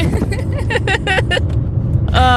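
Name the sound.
car interior driving noise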